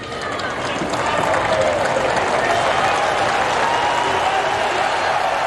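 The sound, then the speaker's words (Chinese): A crowd of spectators at a tennis match claps and cheers for the trailing player as he faces a break point in the second set, in a dense, steady wash of applause that holds loud and even throughout, with scattered voices mixed into the noise. “这次又要面对破发点了，现场的观众也都在给落后的达尔德里加油，大家肯定是希望能够看到两位选手更加激烈啊，更加精彩的对决。”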